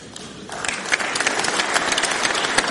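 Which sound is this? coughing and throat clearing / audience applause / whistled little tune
audience applause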